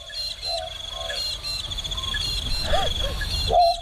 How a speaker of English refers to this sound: Let's have a listen to it. You ready? Throw in a little magpie lark.